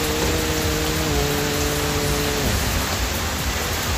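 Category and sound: nature, heavy rain pouring down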